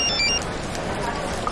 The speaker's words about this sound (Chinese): 接电话啊。